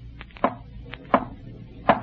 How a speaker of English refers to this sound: If you can, rap. Rap three times.